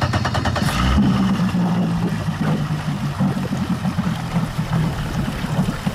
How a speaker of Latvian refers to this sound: no Pāvilostas pārcēlušies uz Durbi, lai ar pašvaldības policijas laivu izbraukātu ezeru un pārbaudītu makšķerniekus.